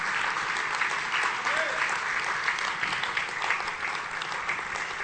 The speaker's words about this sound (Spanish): Denle un aplauso a Jesucristo, no a los ángeles, a Jesucristo.